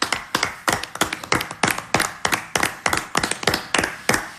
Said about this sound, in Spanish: Bueno, pues formidable, oye, un aplausito así.